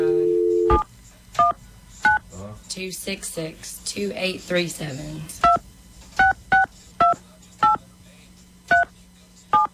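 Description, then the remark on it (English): A dial tone cuts off, then touch-tone keypad beeps sound as a hotline phone number is dialed: a couple of quick tones, a pause while people talk, then a steady run of short, clear beeps. “What if it connects us to somewhere in China, and then we get a phone bill of like $4,000.”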